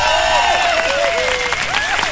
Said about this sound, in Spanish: Por aquí le pido un fuerte aplauso, aquí en Pirata 100.9.